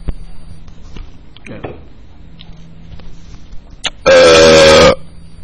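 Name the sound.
loud burp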